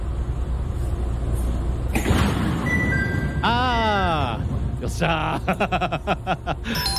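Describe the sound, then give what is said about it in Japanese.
The doors of a Chichibu Railway 5000 series train open inside a rumbling carriage: a rising mechanical whine and hiss, then a rapid series of sharp clunks and rattles. A voice briefly exclaims over the noise. “今のドアの開く音は完璧に分かる音ですね。というわけで正解は秩父鉄道5000系でございました。”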